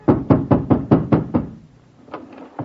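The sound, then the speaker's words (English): At night, a fist hammers on a landlady's door seven times in a quick, steady run of heavy thuds, then after a short pause two softer, slower knocks follow. “I hammered on my landlady's door and...”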